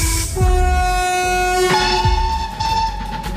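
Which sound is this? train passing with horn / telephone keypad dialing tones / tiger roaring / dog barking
train passing with horn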